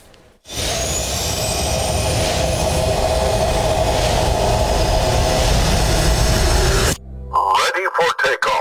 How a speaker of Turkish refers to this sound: Türkiye'nin gurur projelerinden biri olan Hürjet gökyüzünde böyle süzüldü. İlk yerli ve milli jet eğitim uçağımız Hürjet'te önemli bir aşama daha geride bırakıldı.